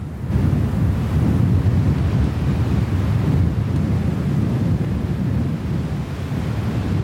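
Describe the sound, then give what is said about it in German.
Steady wind roars across the microphone in a continuous low rumble, with gusty buffeting and no other sounds or voices, filling the whole recording at a fairly loud level, in the Sahara desert in Morocco at sunset. “Und dann ist da nur noch Wind, sonst Stille und Sonnenuntergang in der Sahara.”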